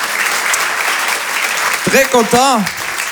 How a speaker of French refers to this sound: Merci, vous êtes très très gentils, beaucoup d'amour à vous, applaudissez-vous, vous êtes magnifiques, vraiment, applaudissez-vous.